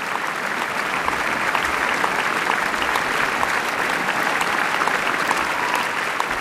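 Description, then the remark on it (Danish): Sustained applause from a large audience at the Vienna Philharmonic's summer concert at Schönbrunn, conducted by Lorenzo Viotti, after Johann Strauss's Wiener Blut; a dense, steady wash of clapping that holds at an even loudness throughout without any voices or music. “Ja, og ekstra bifald til Lorenzo Viotti, der her for første gang dirigerer Wienerfilharmonikernes traditionsrige sommerkoncert på Schönbrunn.”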